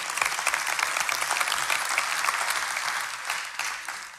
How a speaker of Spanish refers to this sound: Y yo sé que aquí han venido muchas personas sin querer aplaudir, hágalo.